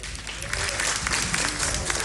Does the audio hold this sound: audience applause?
yes